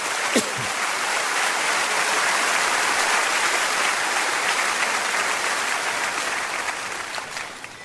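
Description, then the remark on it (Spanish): Sustained applause from a crowd, a dense, steady wash of many hands clapping at high volume for several seconds before it begins to taper off slightly at the end. “Claro que sí, dele un fuerte aplauso.”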